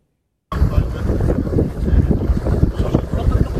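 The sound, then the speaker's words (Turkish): Loud, steady wind roar buffets the microphone aboard a boat at sea, with a rumbling low-end churn and scattered crackling noise throughout, starting abruptly after a brief silence. A tour boat carrying 115 people is on fire at sea off Fethiye, Muğla, Turkey. “İçinde 115 kişinin bulunduğu gezi teknesi bir anda alevlere teslim oldu.”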